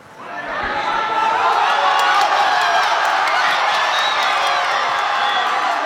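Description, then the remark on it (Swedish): A large crowd in Madrid cheers and roars continuously after Spain won the World Cup, beating Argentina 1-0 in extra time. It is a dense, loud wall of voices with scattered whoops, shouts and some clapping that swells within the first second. “Segerjubel naturligtvis i Madrid.”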